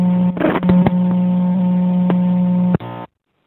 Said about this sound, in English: back up to the car now with a different song.